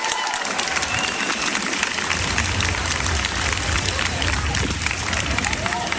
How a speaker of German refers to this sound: Bevor sich der Demonstrationszug durch die Göttinger Innenstadt in Bewegung setzte, war die Vorfreude groß. So klang der Start des diesjährigen Christopher Street Days.